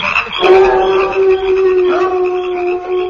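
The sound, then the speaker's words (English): Prairie dogs howling at night on the prairie in a long, steady, sustained wail that carries for about three seconds, loud, with a small shift in pitch partway through and no talking. “I say, will all those prairie dogs never stop howling? They're always howling.”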